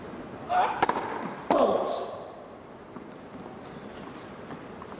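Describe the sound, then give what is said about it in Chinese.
A few sharp, distinct thuds of a tennis ball bounced on a hard court by Djokovic before his serve, clustered close together in the first two seconds. Soft crowd ambience follows. “德约科维奇多年养成的习惯，就是在他面对压力比分的情况下呢，他在发球之前的拍球次数呢会明显的增加。”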